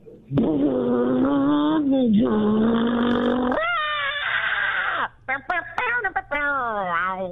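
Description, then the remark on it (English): A voice imitates a getaway car peeling away from a bank: a loud, sustained screeching whine that bends upward, then breaks into choppy, rising wailing cries imitating a scream. “It's a getaway car peeling away from the bank. But then, oh no, give me the scream.”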